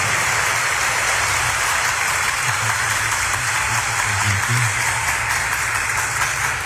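Sustained applause from an audience for Pope Leo, a dense wash of many hands clapping at steady loudness throughout, with no break and no one speaking.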